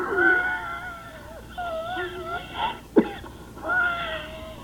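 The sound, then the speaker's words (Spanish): A coughing fit: strained, wheezy, whining gasps and throat sounds broken by one sharp, harsh cough midway, then more rasping wheezes, with no speech. “Ya se le revolvió la tos, ¿eh?”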